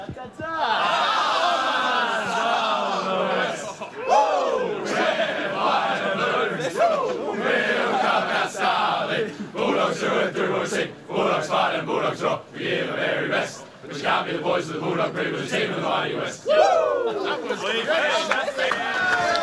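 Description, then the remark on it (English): A football team, the Dogs, loudly sings their club song together after defeating the Richmond Football Club, rowdy and a bit ragged, with shouts and chatter mixed in, continuing for the whole stretch. “So we're going to talk to him after the song.”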